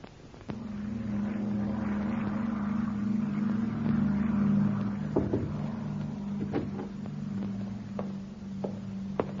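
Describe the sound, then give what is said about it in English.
A propeller plane arriving, its engines droning loudly and steadily, a low throbbing hum that holds throughout, with a few sharp clanks and knocks in the later seconds. “Plane is in, sir, and here is the passenger list.”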